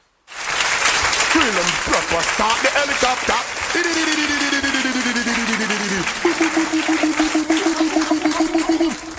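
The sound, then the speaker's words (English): A loud, sustained round of applause from a crowd at the Battle of the Artists contest, dense clapping throughout after a sudden start, with cheering voices rising above it. “Not only do you get a round of applause, you get helicopter as well.”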